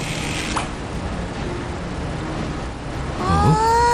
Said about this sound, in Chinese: 哦，吸尘器开始运转了。